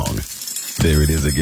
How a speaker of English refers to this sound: What's that sound? That's the sound of Downy Unstoppable Scent Beads going into your washing machine and giving your clothes freshness that lasts